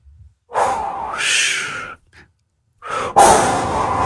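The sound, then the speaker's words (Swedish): A voice imitates big waves crashing on sand with breathy, hissing whooshes: one long swell that rises and fades, a short pause, then a second rush that bursts in loudly and keeps roaring. “Kan du imitera stora vågor som slår ner mot sanden?”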